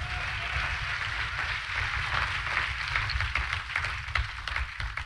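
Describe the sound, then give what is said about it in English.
A crowd claps steadily, a dense wash of many hands blending into continuous, fairly loud applause that keeps up without pause for several seconds. “Clap your hands again while I get a drink of water.”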